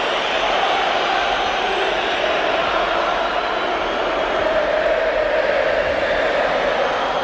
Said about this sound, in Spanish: Dile que se vaya, canta el Metropolitano. Pues esos silbidos que no dejaban escuchar su nombre y ese mensaje de la afición, ese dile que se vaya, son tan claros y contundentes